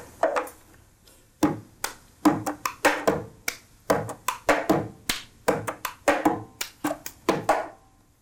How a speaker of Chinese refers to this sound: 它就是很简单的，透过拍手，然后拍桌子，然后杯子拿起来，反手，再放下去，这些一连串的动作，然后让它很有节奏性。